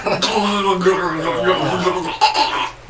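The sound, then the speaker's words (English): A person vocally imitates drowning with a warbling, gargling sound that wavers in pitch for a few seconds, then breaks off with a short gasp near the end. “That doesn't sound like drowning.”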